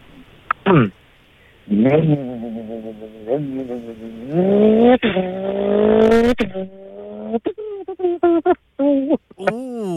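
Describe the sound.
A man's voice imitates a revving race car engine, with rising and falling harmonic whines, gear-change-like breaks, and loud bursts of vocal vroom lasting several seconds.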